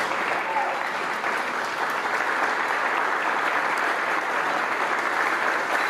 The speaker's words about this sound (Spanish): Honor a quien honor merece. El aplauso de pies para los 15 rescatistas y 4 binomios caninos de la Cruz Roja Mexicana que viajaron a Venezuela tras los devastadores sismos del pasado 25 de junio.